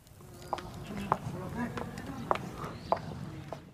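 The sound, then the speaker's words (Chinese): About six crisp, sharp high-heel clicks at an unhurried walking pace ring out with a slight echo along a quiet riverside in Nanxun, China, where clothes are being beaten, while a murmur of voices carries on underneath. “河道两岸安静的只剩下捶打衣物的声音，高跟鞋的脚步声如同穿越时空的隧道，发出清脆的混响。”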